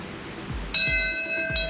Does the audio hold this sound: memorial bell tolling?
yes